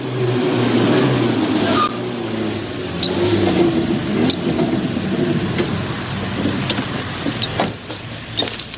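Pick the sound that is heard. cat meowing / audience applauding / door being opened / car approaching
car approaching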